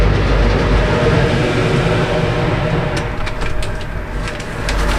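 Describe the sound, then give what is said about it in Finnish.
A car ferry carrying two cars pulls away from the dock at Ruslaksi in windy weather, its engines making a loud, steady low rumble throughout, with a few sharp metallic clanks toward the end. No one speaks. “Ajettiin lautalle ja nyt meitä on tässä kyydissä kaksi autoa. Näin lähdetään laiturista.”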